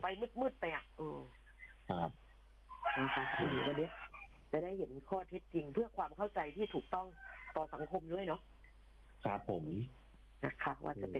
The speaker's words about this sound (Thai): ได้ยินเสียง ได้ยินเสียงไก่ขันแล้วครับ